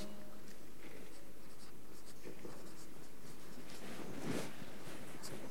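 Steady scratching of a pen moving across paper during a timed one-minute writing game, continuous, with small strokes and scrapes and a slightly louder scribble near the end, no talking.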